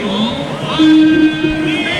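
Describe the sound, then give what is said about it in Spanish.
A stadium crowd applauds and cheers in a dense, steady roar as the Vélez players are announced over the stadium announcer, with long sustained shouted or sung tones rising above the noise, loud for the whole two seconds. “Escuchemos un poquito el aplauso de la gente para algunos futbolistas.”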